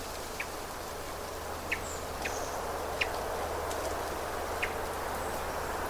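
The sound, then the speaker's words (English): A hermit thrush gives about five short, dry chirp call notes at irregular intervals in the woods, over a steady wash of outdoor woodland hiss with no one talking. “It's like a call note. I'm actually watching the bird. This is a thrush. It's a hermit thrush.”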